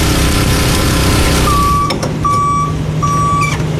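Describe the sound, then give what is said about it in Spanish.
A water tanker truck's engine rumbles loudly on a water delivery route in Canóvanas, a steady heavy drone; partway through, a backup alarm sounds three slow, long beeps over the engine noise. “Y los camiones cisternas se han convertido en albergues para su resguardo.”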